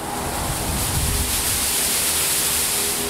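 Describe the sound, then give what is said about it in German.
Constant, loud roar of renovation work on an apartment house in Bremen owned by the Gewober, a dense hiss-like wash of machinery noise with a faint steady hum underneath, unbroken for the full few seconds, no voices. “Sieht auf dem Papier gut aus, klingen tut es dann aber so.”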